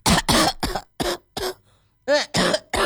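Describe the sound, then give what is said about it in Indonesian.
A run of loud coughs, about eight short harsh bursts in quick succession with a brief pause midway, the later ones slightly raspy and voiced. No talking. “Wow, kamu batuk.”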